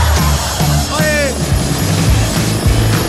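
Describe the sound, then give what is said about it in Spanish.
Loud, steady rotor noise of an arriving helicopter with a rhythmic low thumping chop, filling the whole moment, with a brief rising whistle-like tone partway through. “No, traté de sacármela, pero me dijeron, te vamos a mandar hasta el helicóptero de los búfalos.”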